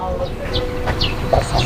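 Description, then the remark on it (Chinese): Short nasal quacks from ducks raised in a yard come in a few scattered bursts against a busy outdoor backdrop, with rumbling background noise and faint voices murmuring. “还有鸭子，哎。这是院子的。”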